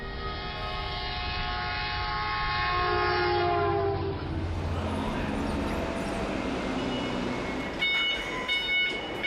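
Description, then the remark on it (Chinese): A high-speed electric train passes on the electrified, high-speed Longhai Railway, built in 1904, running east along the Yellow River in China. A loud, steady harmonic hum gives way to a broad rushing roar, and brief high whines sound near the end. No one speaks. “走出关中，沿着黄河向东，始建于1904年的陇海铁路，如今已经全面电气化、高速化。黄河上的高铁连通的不仅仅是中国的西部和中原，更是贯通欧亚的大陆桥。”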